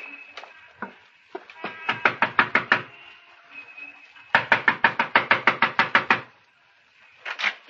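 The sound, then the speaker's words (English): Rapid bursts of loud knocking on a landlady's door whose doorbell is out of order: two long volleys of about ten sharp raps each, separated by a pause, with a few scattered knocks at the start and end. “Yeah, stop your knockers. I'm sorry. Your doorbell seems to be out of order.”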